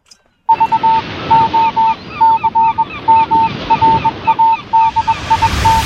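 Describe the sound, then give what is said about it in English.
A flock of geese honks loudly and repeatedly in quick, overlapping calls as the geese fly off, over a steady rushing background, the honking continuing without pause from start to finish. “The man has stopped running up the hill, and the geese are flying off.”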